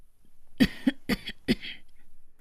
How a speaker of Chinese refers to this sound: 老妇咳嗽一声，让自己的脸部表情看上去柔和一些。